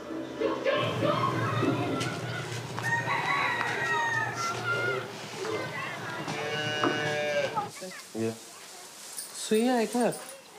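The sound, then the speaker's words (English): A busy farmyard: chickens cluck in short, scattered bursts over a low, steady lowing, then a rooster lets out a loud, rising-and-falling crow near the end. “She's proud of the many awards she and my father have won as singers, but she's also proud of the field, the chickens, the eggs, the corn, and she's a little proud of me, too.”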